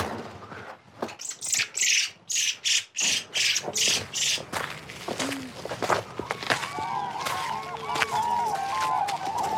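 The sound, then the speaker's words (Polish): A field recording opens with a run of rhythmic crunching steps, then birds call, rising, warbling notes layered over a steady outdoor hiss, cranes and larks among them. “Ale mamy dźwięki z terenu. Żurawie i lerki.”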